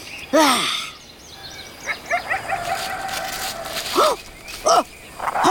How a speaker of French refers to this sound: Des coyotes!